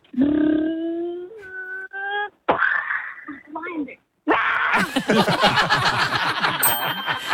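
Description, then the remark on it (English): A 6-year-old child vocally imitates a lion involved in a car crash: a long rising wail, a few short strained cries, then several seconds of loud, rough, growling and crunching noises. “can you please be a lion that's involved in a car crash?”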